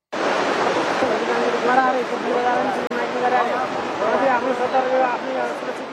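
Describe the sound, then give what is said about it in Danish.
A steady, loud roar of floodwater rushing on Wednesday through a mud-covered landscape in Nepal fills the scene without pause, while people's voices can be heard talking over the churning flow. “Sådan her lød det onsdag, hvor vand stadig strømmede gennem landskabet, der nu er fuldstændig gråbrunt og dækket af mudder.”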